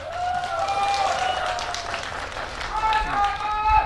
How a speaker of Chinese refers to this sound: 我们首先把我们的掌声送给我们的双方运动员。